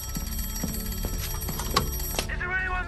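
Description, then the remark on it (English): Three sharp rings of a ship's bell, bright metallic clangs that leave a shimmering ringing tone, struck in quick succession over a steady low rumble, signalling that something, an iceberg, is dead ahead. “but if the bird was dead ahead, as in this case, they had to give three sharp rings of the bell, and that is the sign that something is coming straight towards them.”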